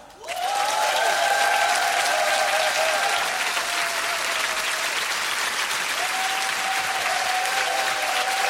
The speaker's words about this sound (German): Einen großen Applaus für … und ….